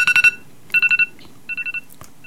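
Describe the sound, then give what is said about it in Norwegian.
A phone rings during a live broadcast discussion with an electronic tone: three bursts of four quick, bright beeps, evenly spaced, the later bursts a little softer. A faint low hum sits underneath, and nobody speaks. “det noen som ringer her, jeg får stoppe den.”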